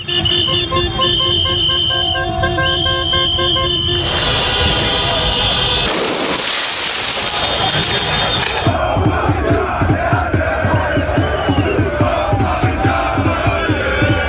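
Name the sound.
football fans celebrating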